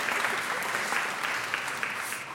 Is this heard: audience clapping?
yes